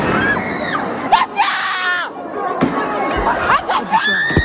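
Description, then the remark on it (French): A large crowd of protesting high school students chants slogans and shouts together, loud, with several raised voices cutting through in sustained bursts and a few sharp cries over the dense din. “Des lycéens rassemblés, des slogans et bientôt la Marseillaise entonnée par la foule.”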